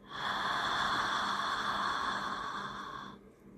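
A slow, steady exhale through the mouth lasts about three seconds, an airy breath that fades out gently at the end, during a guided relaxation breathing exercise. No one speaks.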